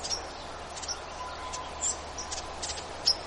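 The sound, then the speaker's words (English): Faint, rapid ruby-crowned kinglet scold calls in woods, short dry chips scattered irregularly over a soft outdoor background hiss, with no talking. “He's also making a little did-a-did-did-a-did scold sound.”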